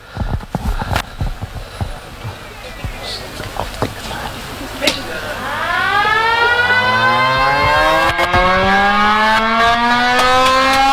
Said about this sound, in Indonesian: Asisten 2 dan Bapak Wali Kota. Kota bersama-sama sirine menandakan selubung papan nama telah dibuka dan disambut baik oleh para jemaat di halaman gedung gereja baru Eklesia Rimbun Selatan.